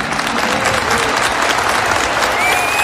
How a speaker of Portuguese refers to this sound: Se aplaudiu, aplauda de verdade então.